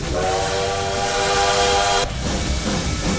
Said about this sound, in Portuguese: É, o trem bala tá por aqui, gente. Vamos aqui naquela velocidade menos que média para não causar muito transtorno aí nos trilhos também.